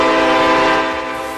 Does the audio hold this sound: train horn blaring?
yes